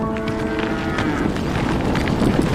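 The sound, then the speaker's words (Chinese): A yak lows in a deep, drawn-out moan that fades after about a second, followed by steady rustling and shuffling noise as if from a herd. “哺乳期的牦牛每日产奶不足2公斤，仅为奶牛产量的10分之一，其中大部分还需留给小牛。”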